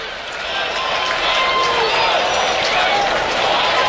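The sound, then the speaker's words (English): A baseball stadium crowd roars in a steady, dense wash of cheering and shouting that swells slightly after the first half-second and holds loud throughout, with scattered whistles rising above it, encouraging Soriano, one strike away on a 1-2 count against Lopez. “Oh, the crowd is encouraging Soriano here, who's one strike away from getting out of this mess and keeping it 2-1.”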